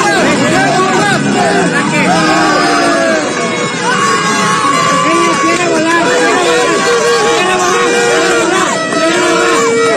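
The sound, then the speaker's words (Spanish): A dense crowd of football fans chants and shouts continuously against Ecuador and its players late at night, with sustained vuvuzela horn blasts sounding over the loud, steady roar of voices throughout, aimed at keeping the Ecuadorian delegation from resting before a match at Estadio Azteca. “Durante las últimas horas de la noche del lunes 29 y el amanecer de este martes 30, los aficionados tocaron las bocinas y lanzaron consignas contra Ecuador y sus futbolistas.”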